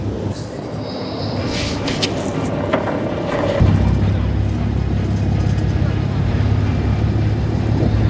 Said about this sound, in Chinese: 执法艇在浪涌间剧烈颠簸